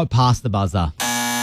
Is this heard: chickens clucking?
no